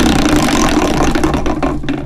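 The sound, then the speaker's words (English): A massive prize wheel is spun by a caller on Steph's workday show, with a loud, continuous whirring rattle, its rapid clicks blurring together before becoming more separate and distinct in the final moments as it slows. “and then you get a spin on our massive fresh prize wheel.”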